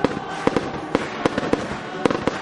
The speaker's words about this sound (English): Don't miss Canada Day Live on July the 1st at the Kin Centre in Miramichi at 7 p.m. And after the great music, stay for the Canada Day fireworks.